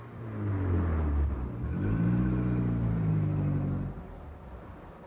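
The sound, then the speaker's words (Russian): A car engine revs up, its pitch climbing and falling in sweeping harmonic waves before cutting off sharply near the end. “Мы же видим машину!”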